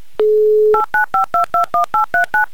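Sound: telephone number being dialed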